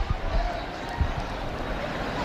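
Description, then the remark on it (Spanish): A large crowd at a street corner on Cerdeña, full of estelada flags, awaiting the Pope fills the air with a dense, steady roar of overlapping voices and excited shouting, with a few low thumps and bumps breaking through the constant hubbub. “No sé si se oye este barullo, estos gritos de emoción.”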